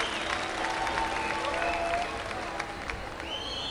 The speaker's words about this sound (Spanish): Vamos a traer, muchas gracias por los aplausos. Muchísimas gracias.